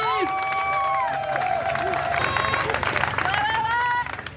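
A crowd applauds and cheers for about four seconds at a demonstration against repression, with sharp whistles rising above the dense, steady clapping before it thins out at the very end.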